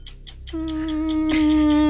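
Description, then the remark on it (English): A voice imitates a mosquito's buzz: after a few soft clicks, a steady, nasal droning whine starts and holds one pitch, growing slightly louder until the end. “Mosquito. Yes.”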